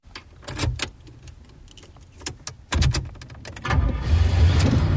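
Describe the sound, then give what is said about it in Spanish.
Keys jingle in a series of sharp metallic clicks and rattles, a car door thuds, and then a car engine starts and settles into a steady rumbling idle, with no talking. “Por la mañana en el coche.”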